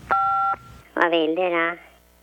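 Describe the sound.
A single telephone keypad button tone as key one is pressed on a call to Skattemyndigheten, the Swedish tax agency, after an automatic answering message; a steady dual-pitched beep lasting about half a second, followed by a person speaking clearly.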